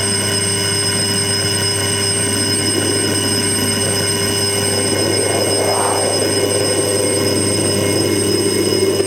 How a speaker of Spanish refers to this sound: Suena el timbre, suena el timbre.